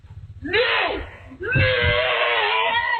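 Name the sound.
family screaming in panic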